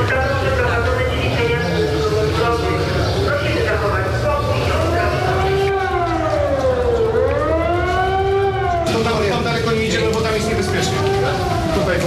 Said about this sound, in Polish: W całym mieście zawyły syreny.